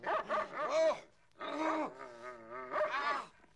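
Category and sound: animal, big dog barking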